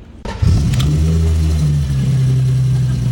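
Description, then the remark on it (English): An old BMW Gusheshe car engine starts up and revs loudly, then settles into a steady, deep rumble. No one speaks. “That is the old Gusheshe.”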